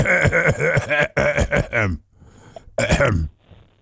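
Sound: throat clearing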